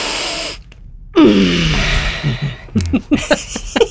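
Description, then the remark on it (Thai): A deep, noisy breath drawn in, a brief pause, then a long breathy exhale with a slight voiced sigh, trailing into a few short puffs of breath, as a person practices breathing in and out. “ลองหายใจสิหายใจออกด้วยเราเข้าแล้วเราต้องออกด้วยเน า ะเราเข้าอย่างเดียวไม่ได ้โอเคโอเค นะเอาใหม่หนึ่งสองสาม”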